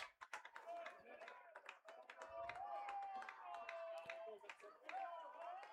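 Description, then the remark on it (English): Baseball fans in the stadium's lower bowl cheer and clap after recent offensive activity, the sharp claps repeating in a steady rhythm over a continuous crowd roar, with a sustained high whistle-like tone rising and falling above it. “Well, the recent offensive activity has the fans cheering in the lower bowl again.”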